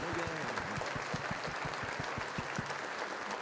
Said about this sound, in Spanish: El aplauso para nuestro Señor, que se note que le amamos.